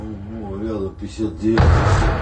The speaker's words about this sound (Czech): Očití svědci natočili mobilními telefony 4 velké exploze v továrně Titan Barikády. Tam mimo jiné vyrábí odpalovací rampy pro rakety typu Iskander, Topol a Yars.